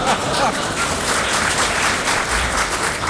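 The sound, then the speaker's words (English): An audience applauds in a dense, steady wash of many hands clapping, loud and unbroken for about three seconds, with a murmur of voices mixed in. “If you laugh and applaud, it means you're terribly old and we have to go terribly slowly for that.”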